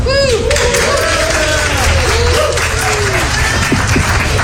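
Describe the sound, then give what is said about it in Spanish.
Passengers on an American Airlines flight applaud an announcement of a FIFA World Cup themed giveaway in a steady, dense wash of clapping that fills the whole stretch, with scattered voices and cheers rising over it. “Aplaudieron muy contentos.”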